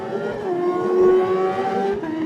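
The engine of Peter Hickman's Norton WRS 588 racing motorcycle roars loudly, its revs climbing in a sustained, rising whine that holds strong for a couple of seconds before easing slightly. No voices are heard.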